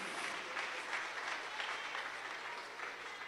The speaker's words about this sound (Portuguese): Quem recebe esta palavra, pode aplaudir ao Senhor bem forte, bem alegre e bem feliz.